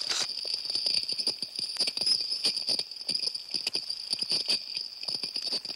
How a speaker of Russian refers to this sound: Коралловые рыбы, обламывая и пережевывая кусочки кораллов, производят своеобразный чиркающий звук.